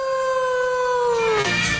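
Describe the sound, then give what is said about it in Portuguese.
A wolf lets out one long, loud howl, holding a steady pitch before sliding downward and breaking off near the end, with no talking. “A Casallo, en Valdeorras, onde están ali as canteiras de lousa, é onde houve minas de Wolfram, ali no meio do monte, cheo de lobos.”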